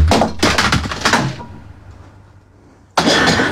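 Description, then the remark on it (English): A quick run of loud, bright clattering crashes as CDs are thrown across a room, hard plastic striking and breaking, rings out and fades into quiet before one more sharp crash hits at the end as one CD shatters. “Oh, well, it does seem that that's not quite right, because one of them's just shattered into a million pieces.”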